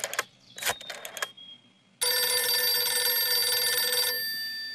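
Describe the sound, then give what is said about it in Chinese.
A few quick clattering bursts, then a loud telephone bell rings continuously for about two seconds before fading slightly, as a phone call is placed. Nobody speaks. “薛成业说完马上示意李介仁把电话打给侯静茹。”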